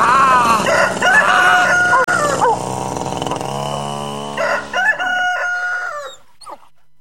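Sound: rooster crowing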